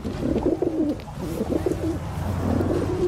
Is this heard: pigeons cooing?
yes